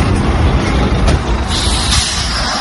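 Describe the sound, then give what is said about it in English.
A heavy truck rumbles with a steady low engine roar, then a sharp hiss of air brakes rises over the noise partway through as it pulls in to pick up a hitchhiker on the road to Ushuaia. No one speaks. “A truck pulls in for me, and the driver is not Chilean.”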